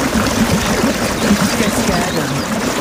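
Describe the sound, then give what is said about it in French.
A small waterfall in a forest pours steadily, a constant, dense rush of splashing water that stays fairly loud throughout, with no pauses or changes. “C'est bien, une petite cascade en forêt, histoire de nous rafraîchir.”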